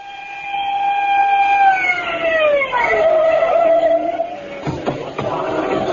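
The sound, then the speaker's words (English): The loud siren of Lieutenant Edwin Grounder's police squad car holds a steady wail at night, then sags lower in pitch as the car pulls to a stop in front of a rooming house on Main Street. The siren fades into engine rumble and a few short knocks. “The screaming siren of Lieutenant Edwin Grounder's squad car broke the silence of the night as it pulled to a stop in front of a rooming house on Main Street, where, despite the lateness of the hour, a sizable crowd had gathered.”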